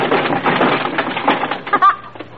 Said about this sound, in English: Here's where the cops come in. They break the door down.